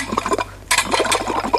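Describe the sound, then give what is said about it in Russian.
A kettle boils with a steady, bubbly hiss and gurgle, fairly loud, briefly dropping out for a moment before surging back in. No voices are heard. “Ну, за что вы обидели чайник?”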